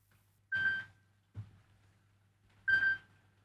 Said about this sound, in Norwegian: Det ringer, det ringer. Hör, vem kan det vara?